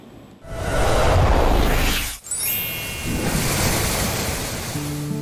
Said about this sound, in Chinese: 就是我身后的黄河壶口瀑布，因此吸引了不少人前来这里打卡。黄河奔腾到陕西延安宜川县的这一段，河床猛地收紧，像被一把巨壶束住，河水轰然跌进深潭，冲刷形成了著名的十里龙槽。